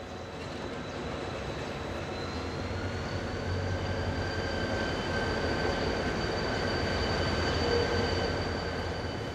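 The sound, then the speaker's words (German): A train rumbles steadily along the rails in South Korea on the way to Daegu, with a continuous low roar and faint high-pitched whine, loud and sustained without a break and with no talking. “Im Bahnhof Dongdaegu, einer Station im Osten der Stadt, steigen wir aus.”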